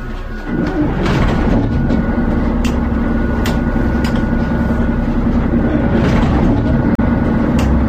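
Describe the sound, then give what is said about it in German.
The engines of the "OKSAR Sound Express" start up after a brief moment, settling into a loud, steady low rumble with a constant humming tone and occasional hissy bursts, no voices. “Und natürlich auch mit unserem OKSAR Sound Express, dessen Motoren ich jetzt mal starten werde.”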